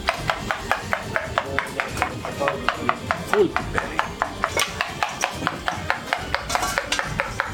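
Eggs being beaten in a bowl, a quick, steady run of light clinking taps from a fork or whisk striking the sides, with faint background murmur underneath.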